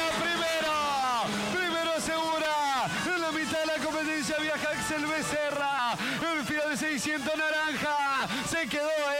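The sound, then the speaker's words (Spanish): Several small Fiat 600 race cars rev hard and loud at full throttle on the first lap of a race, their pitch climbing and dropping repeatedly with gear changes as they roar past, overlapping continuously. “Ahí vienen los Vía 600 acelerando a pleno, escuchá.”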